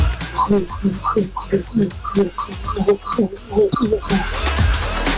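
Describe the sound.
A voice imitates rain with quick, rhythmic voiced pattering sounds, then shifts into a steady breathy hiss for the last second or so, fairly loud.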